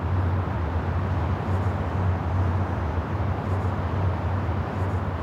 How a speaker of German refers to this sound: ganz eindeutig hören Sie ja hier die Autobahn direkt benachbart